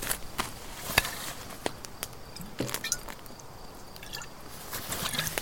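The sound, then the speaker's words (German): A young woman takes a big gulp from a half-empty bottle being passed around. It is a run of wet swallowing sounds and soft liquid clicks at an irregular pace, fairly quiet, with no talking. “Hier, Kleine, nimm einen kräftigen Schluck.”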